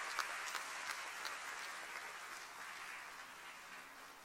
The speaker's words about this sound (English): Please take your seat. Let's clap for them as they take their seats.